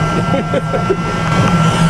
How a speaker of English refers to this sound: Right, as you can hear, the sizzling of the charcoal is just kind of now at the moment, kind of just getting simmering. The extraction is obviously quite noisy here because it does make a lot of smoke